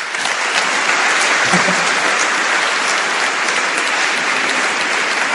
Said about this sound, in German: Bitte Applaus für die zwei Herren dort.